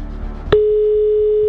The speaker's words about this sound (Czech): Zvoníme. Teď ještě by to mohl někdo vzít.